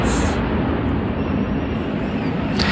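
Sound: attack drone flying overhead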